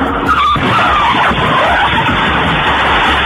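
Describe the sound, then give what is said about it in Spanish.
Car tires skid loudly in a long, continuous screech, with a wavering squeal over rumbling engine and road noise, sustained for the whole few seconds, before a crash in New York between two cars, one of them driving the wrong way. No one speaks. “En Nueva York hay varios heridos por este accidente provocado por dos autos.”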